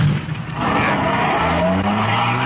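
A car engine revs up and the car accelerates away, its rising engine note joined by a brief squeal of tires, with no one speaking.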